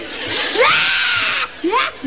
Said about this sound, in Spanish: ¿Y por eso estás llorando, mija? Es que yo le había agarrado tanto cariño a las vacaciones.